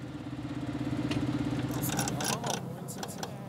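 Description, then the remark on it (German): A tractor engine idles with a steady, low, throbbing hum after the driver has stopped to close the spreader's slide gate a little. Partway through, the drone softens and short bursts of higher hissing or rattling noise break in over it. “Er hat schon mal angehalten, um den Schieber ein wenig zu schließen.”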